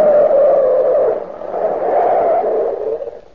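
A car brakes hard to a stop, its tires letting out a loud, sustained screech that wavers slightly for a few seconds before fading. No voices are heard.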